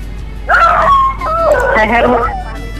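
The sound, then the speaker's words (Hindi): A caller's dogs bark and cry out in drawn-out, whining yelps during a radio phone-in, moderately loud, over a steady low background hum. “देखिए मुझे फेडर कम करना पड़ा, आपके पास जानवर हैं, कुछ कुत्ते हैं जो चिल्लाना शुरू कर दिया उन्होंने।”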